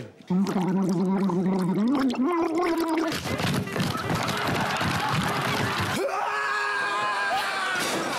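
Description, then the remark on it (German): A person gargles loudly: a wavering voiced tone first, then a stretch of rough, bubbling rattle, ending on a higher sustained gargled note, continuous for about eight seconds. “Gurgeln.”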